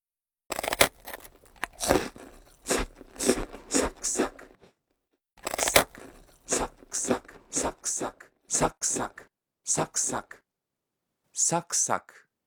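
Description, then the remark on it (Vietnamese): Crisp, crunchy bites into something hard and brittle, with loud sharp crunches followed by rhythmic chomping in bursts, broken by two short pauses. “Ngoài ra thì từ này cũng có thể được dùng cho tiếng ăn táo, bánh quy giòn hay những thứ tương tự.”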